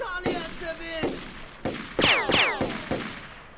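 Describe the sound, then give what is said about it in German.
Several sharp gunshots crack in quick succession, some followed by a whining, descending ricochet as bullets glance off a rock, fired at an angle to hit someone hiding behind it; the shots are loud, with no talking. “Ja, aber wenn ich den Felsen im richtigen Winkel treffe, dann... Na bitte! Hey, verdammt guter Schuss!”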